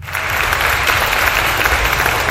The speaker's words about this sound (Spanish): Aplausos para los cumpleañeros, miembro de la red de colaboradoras.